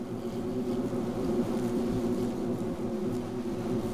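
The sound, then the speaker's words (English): A bumblebee buzzes steadily, a low droning hum that holds at an even loudness for the whole stretch with no voices present. “Each colony starts with a single female, a queen, looking for a suitable hole to start a nest. But bumblebees are not the only home builders”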